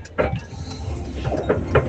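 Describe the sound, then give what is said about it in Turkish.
An old car that is about to fall apart rattles and clanks as it drives, with a steady mechanical rumble broken by several sharp jolting knocks, fairly loud, with no one speaking. “Araba, yalnız burada araba hala dökülmek üzere, duydunuz mu?”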